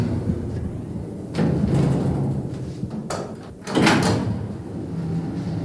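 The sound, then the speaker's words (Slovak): A door opens and closes, with a rumbling slide and a louder thud near the end, over a low mechanical hum with no one speaking. “Len pridržím dvere a pôjdeme nazad.”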